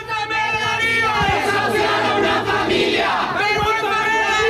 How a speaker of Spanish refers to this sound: de la que ha sido 5 años su casa, en medio de los gritos de condena de varias organizaciones y sindicatos.